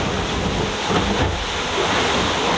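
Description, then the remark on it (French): Rough sea and gusting wind roar steadily, heard from inside a boat in violent, very wet but not cold weather: a dense, constant wash of noise with slight swells in loudness and no voices. “Je suis terré dans le bateau, j'ai trop la flemme de sortir, ça mouille à mort.”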